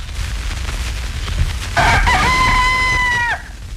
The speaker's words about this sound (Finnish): Ja se taas tulee tässä. Tämä on Ylen Yleisradion aamukukko, varhaisin säilynyt niistä.